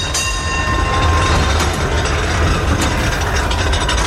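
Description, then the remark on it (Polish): An old pre-war SN1 tram car rolling along its rails, a steady rumble of wheels with a thin metallic whine riding above it, continuous throughout and with no voices. “No a do tramwajów śląskich pojechał nasz wagon przedwojenny, wagon SN1.”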